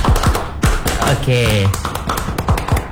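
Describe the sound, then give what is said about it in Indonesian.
The Pramuka scout clap: a quick, rhythmic pattern of sharp hand claps in a set sequence, fairly loud, with a brief burst of speech-like tones midway through. “Yaudah, jadi kamu tepuk pramuka dulu sebelum nanti lanjut dengan ngobrol-ngobrolnya.”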